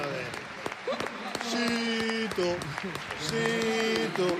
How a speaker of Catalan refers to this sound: Aplaudiments d'en Juanga per centrada d'en Zito Lubumbo.